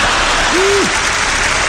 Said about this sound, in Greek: Μου μένουν ακόμα 2 λεπτά περίπου από τον προκαθορισμένο χρόνο του προγράμματός μου και συνήθως τον χρόνο αυτό τον αφήνω στο κοινό για χειροκρότημα.